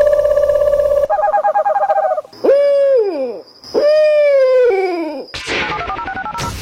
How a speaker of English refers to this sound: What was that zoo sound? I'm just going to take a guess and say an owl. You're correct.